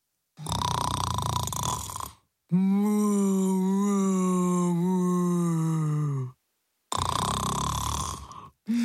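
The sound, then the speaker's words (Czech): Loud snoring of a speckled cow sleeping in the middle of a forget-me-not flower bed: a rasping intake, then a long droning, moo-like groan, then another rasping breath. Heavy and rhythmic, with no talking. “Uprostřed záhonu s blaženým úsměvem ve tváři sladce spala kráva Kunegunda a hrozně přitom chrápala.”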